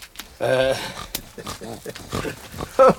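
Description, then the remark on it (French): A pig grunts and snorts as a man feeds it, in a run of short, rough bursts, with a couple of louder, higher squealing grunts breaking through, one near the start and one at the end. “Le mari est en train de donner à manger au cochon.”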